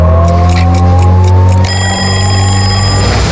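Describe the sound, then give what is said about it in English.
A clock ticks quickly over a steady low hum, then about halfway through a loud, high alarm starts ringing continuously until the end, marking 6:30 in the morning. No one speaks. “When the clock ticks at 6:30,”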